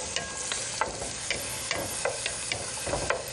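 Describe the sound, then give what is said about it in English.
Rice sizzles steadily in a little hot oil, not deep frying, while a spoon stirs through it, making repeated scraping clicks about every half second, fairly loud, with no talking. “So we'll put that in there, put a little bit of oil in. And we're not deep frying, just a little bit. I'm going to stir that around.”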